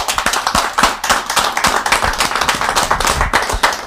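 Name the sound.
clapping applause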